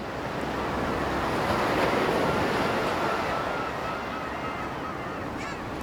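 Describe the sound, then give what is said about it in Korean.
Ocean surf rolls and breaks on a shore of Jeju, Korea, in a steady, broad wash of noise, fairly loud, with faint honking calls drifting in the background. “그리고 일주일쯤이 지난 뒤 제주의 바닷가.”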